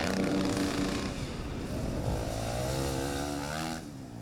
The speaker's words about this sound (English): Like I said, he's feeling comfortable with the wind now. I think he knows what it's going to make this motorcycle do, and he is really working it hard.